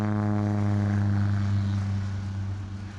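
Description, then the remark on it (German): An aerobatic propeller airplane performing loops drones loudly and steadily overhead with a deep, buzzing hum, easing slightly as it moves off toward the end. No voices are heard. “Ich weiß nicht, wie es Ihnen geht, aber so Looping, das reicht mir, wenn ich da nur von außen zugucke.”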